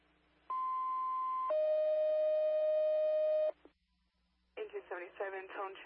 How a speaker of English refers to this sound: Engine 77, tone check in the 10, 77, tone check 3:41. Tone check, good, thank you.